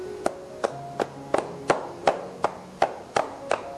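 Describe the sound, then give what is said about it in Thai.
Steady, evenly spaced percussive taps, about ten in under four seconds, like cupped hands striking a body during a tapping massage technique; moderately loud, with no talking. “วิธีการต่อไปนะครับเรียกว่าวิธีการพายฝ่านะครับคือวิธีการเคาะนะฮะเคาะครับผม”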